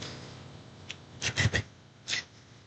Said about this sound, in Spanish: Está moviendo mucho las hojas ese ventilador, cuádrelo para allá que no me deja, ya. Póngalo para un ladito si quiere, porque me pasa las hojas el mismo. Ahí está bien, que gire para un ladito.